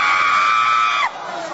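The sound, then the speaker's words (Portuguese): An audience shouting during an exorcism: a loud, sustained shout from many voices holds one high pitch for about a second, then breaks off abruptly, leaving a quieter, reverberant murmur. “Grita comigo, demônios devoradores.”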